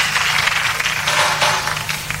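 Sustained applause from an audience, a dense, steady crackle of many hands clapping at once, loud and unbroken for a couple of seconds with a faint low hum underneath.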